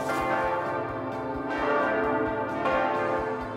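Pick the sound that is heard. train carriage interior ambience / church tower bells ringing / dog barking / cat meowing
church tower bells ringing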